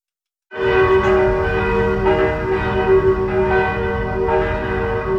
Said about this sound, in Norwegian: blant annet en video hvor man kan høre kirkeklokkene